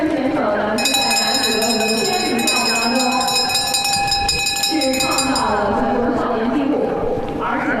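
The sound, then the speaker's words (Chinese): A final-lap bell rings continuously for several seconds during a race, its bright, high metallic tones sustained and steady, signaling the last lap, a single bend before the finish. A person talks excitedly over crowd noise, which continues after the ringing stops. “最后一圈，钟声一响，最后一圈就是这一个弯道，冲向终点了，就准备。”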